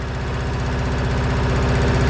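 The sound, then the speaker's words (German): An old tractor engine is started and idles steadily, its loud, even chugging pulsing in a rapid regular rhythm with a low rumble and mechanical vibration throughout. “Bei solch alten Schätzchen darf natürlich auch das Anlassen nicht fehlen.”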